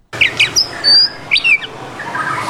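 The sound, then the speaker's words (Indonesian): White-rumped shama birds (murai batu) bred in cages by a keeper, chirping in a run of bright, varied whistles and quick trills in rapid bursts over faint background noise, with no voices. “Untuk kandang sendiri, Arman selalu membersihkan kandang setiap hari agar murai batu ternaknya tetap dalam kondisi prima.”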